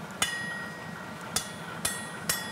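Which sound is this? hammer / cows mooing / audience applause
hammer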